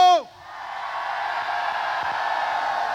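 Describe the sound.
A brief shouted voice is quickly swallowed by a sustained roar from a large live audience in Carmiano, the yelling and cheering holding steady and loud for several seconds.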